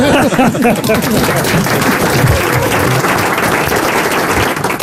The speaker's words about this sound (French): sous les applaudissements du public.